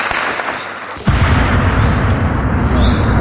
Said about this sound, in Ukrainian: Херсонців просять ховатися, щойно чують стрілянину, щоб залишки дронів не впали на них.